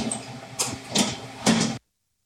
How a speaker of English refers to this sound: All right, and we are now hearing the gentle hum of a very large oven. Tell us a little bit about this. These are our 2 convection ovens. We can bake 5 trays of any product at one time, and convection bakes about 50% faster than your traditional oven